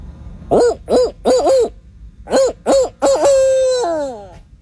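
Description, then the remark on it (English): A person's voice imitates a barred owl, giving a quick series of four rhythmic hoots, a pause, then more hoots ending in a long, drawn-out descending note, loud, with no talking. “That's a really good barred owl call.”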